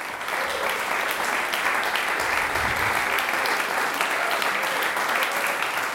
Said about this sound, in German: Applaus für die drei Interpretierenden.